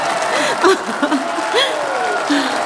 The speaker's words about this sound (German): Genieß den Erfolg, Anne. Es ist dein Applaus.